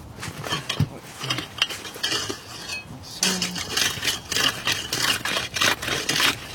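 A saw rasps through ice only 2-3 days old, enlarging a small hole cut a few decimeters, in repeated back-and-forth strokes, harsh and scraping, growing steadier and more rapid in the second half with no voices.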